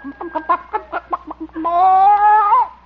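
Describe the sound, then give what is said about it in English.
A hen named Hortense, sitting on its nest, clucks a quick run of about eight short clucks, then breaks into a long, drawn-out complaining squawk that fades at the end. “See, how about this nest? Oop. Hen's still sitting on it.”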